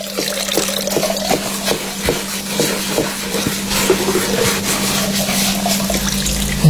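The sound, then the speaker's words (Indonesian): Steady running tap water splashes continuously with scattered clinks and knocks as dishes are washed in a sink, fairly loud, with a low constant hum underneath. “Ini sudah bantu cuci piring, bantu lagi masak, malah bukan bantu, aku yang masak sendiri.”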